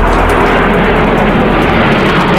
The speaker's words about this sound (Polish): Wielozadaniowe maszyny przeleciały wcześniej nad naszym krajem od Gdańska przez Warszawę, Łódź i Kraków.